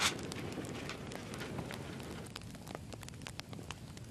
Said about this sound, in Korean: 이 바람 소리에 물 끓는 소리에.